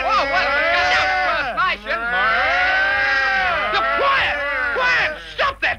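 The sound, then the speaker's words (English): Several boys imitate cows, letting out long, drawn-out moos that rise and fall and overlap almost continuously, loud, with a few brief breaks near the end. “I can impersonate a cow, sir.”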